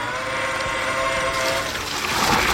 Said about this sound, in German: Ja, das ist was Feines. Das ist nämlich Gießbert. Gießbert bei der Arbeit. Und Gießbert ist ein Gießroboter. Also sieht aus wie so ein großer Bollerwagen, nur da ist eben kein Bier drin, sondern Wasser.